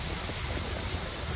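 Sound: rain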